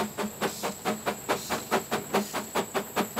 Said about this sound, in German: Das Dampfross ist, wenn es sich nicht gerade im Höhenrausch befindet, bei der Schinznacher Baumschulbahn bei Zürich zu Hause.